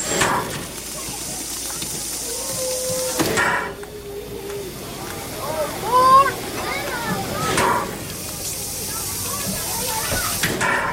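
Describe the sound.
A coal-fired steam locomotive, restored engine number 4 of the scenic railroad up Cheat Mountain, idles at the station, releasing loud, steady hissing steam in two long bursts, with a quieter stretch between them where faint voices and brief squeaky tones come through.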